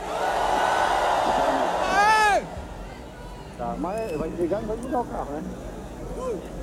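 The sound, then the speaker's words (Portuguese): A large crowd at the Rock in Rio festival raises their hands and roars and shouts together for a photo, in a loud, dense burst lasting about two seconds, then cuts off abruptly, followed by scattered individual voices calling out and talking. “Rock in Rio, 1, 2, 3, todo mundo levanta a mão e grita o que quiser, beleza?”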